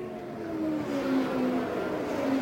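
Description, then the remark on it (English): Race car engines roar steadily on a track in Indiana, with buzzing harmonic tones whose pitch shifts a little as the cars pass. The sound stays loud throughout, and no one speaks. “Well, they must have just passed me last time.”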